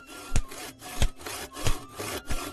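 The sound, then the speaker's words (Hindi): A hand saw cuts through wood as trees on a riverbank are felled to build houses: steady back-and-forth strokes, four loud rasping pulses about a second apart, with a gritty scraping texture between them and no talking. “नदी के किनारे बहुत सारे हरे भरे पेड़ थे और अब घर बनाने के लिए वहां के पेड़ भी काटे जाने लगे।”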